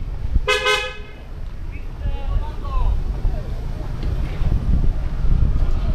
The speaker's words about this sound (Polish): Trąbią samochody.